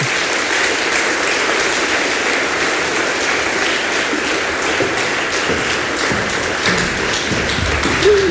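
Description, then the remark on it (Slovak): Steady, dense applause from a crowd, loud and sustained for the whole stretch with a broad hiss of many hands clapping, and no one speaking over it. “poprosím pre ňu veľký potlesk a poď sem ku mne.”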